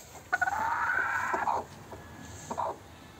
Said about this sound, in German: Inzwischen versucht Medi sogar, die brütenden Hennen aus dem Nest zu jagen.